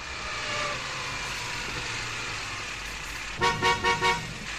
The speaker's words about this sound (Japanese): ああ、車で来るんじゃなかったな。 ブーブー鳴らしたってこの車の列じゃ。暑い上に埃と排気ガス。